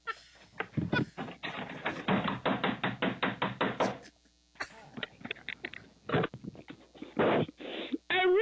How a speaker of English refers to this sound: He outside banging on the door trying to get in.